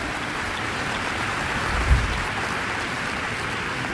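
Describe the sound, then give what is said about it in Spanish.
An audience claps loudly in a dense, continuous roar of many hands that holds steady throughout, with a brief low thump near the middle and no clear voices. “Si usted está sediento de Dios, hambriento, apláudale fuerte.”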